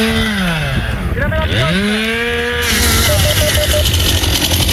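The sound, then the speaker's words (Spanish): A chainsaw engine revs up and down as firefighting crews cut at an active wildfire site, its pitch rising and falling in loud sweeps over a steady rough background noise. “El incendio está activo en situación de emergencia operativa 1 y 212 efectivos del Infoca trabajan sobre el terreno con maquinaria pesada y motosierras.”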